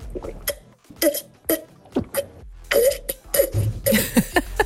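Someone drinks water from a wine glass: a run of about eight irregular gulps and wet swallowing sounds, fairly loud, with short breathy mouth noises in between and no talking.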